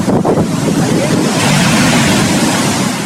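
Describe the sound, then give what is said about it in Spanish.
Loud, continuous roar of ocean surf breaking along the coast of Peru at dawn, a dense wash of churning water with steady wind noise buffeting the microphone, no voices present. “El amanecer significa el reencuentro de un sol luminoso con nuestro inmenso mar.”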